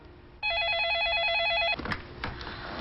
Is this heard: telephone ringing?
yes